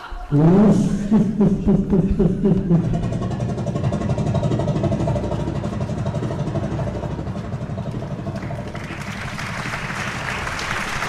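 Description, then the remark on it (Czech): An engine, its magneto just adjusted, sputters and catches, its note rising as it revs, then settles into a steady, loud mechanical running drone with a rattling roar throughout, no voices. “jsem sešteloval to magneto a zkusíme to znovu. Pánové, připravte se! Motor! Start!”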